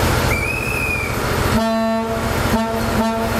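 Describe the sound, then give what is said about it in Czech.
The horn of the historic Delfín diesel train set, on a sightseeing ride on Czech rails, sounds a long steady blast, then two short toots, over the low rumble of the passing train; a faint high squeal appears early on. No one speaks. “Historickou dýzlovou soupravu Delfín můžete na českých kolejích potkat až do neděle, kdy se z Prahy bude vracet přes Liberec do Německa.”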